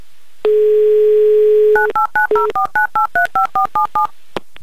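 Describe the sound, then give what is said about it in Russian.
A steady, buzzing dial tone plays for over a second, then gives way to a quick, even run of about eleven beeping touch-tone keypresses as a Humor FM radio host dials a contestant's phone number in Yekaterinburg for the live game "Car for a Smile". No one speaks. “В любом случае, набираю его номер.”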